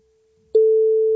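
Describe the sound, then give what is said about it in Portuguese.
The ringing tone of a call to a friend's mobile phone: one steady, electronic hum that cuts in abruptly and holds loud and even to the end, with no voices. “Será que Zé Vida atende?”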